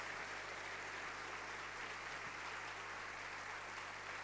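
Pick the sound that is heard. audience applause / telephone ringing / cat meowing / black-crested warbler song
audience applause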